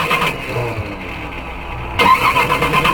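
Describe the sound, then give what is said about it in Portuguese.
A cold, alcohol-fuelled car engine cranks over and over without catching, a loud, churning whir that briefly surges louder near the end. No one speaks. “Eu vou ver se meu carro pega, gente, tá difícil, véio.”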